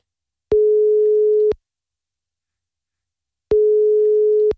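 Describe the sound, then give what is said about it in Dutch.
A telephone ringback tone on an outgoing call: two steady, mid-pitched electronic tones, each about a second long, separated by roughly three seconds of silence. No voices. “Maar ik doe hem 3 keer over laten gaan. Anders hang ik op, oké?”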